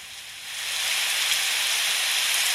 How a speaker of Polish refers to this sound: Zaznaczone. Umiarkowany deszcz.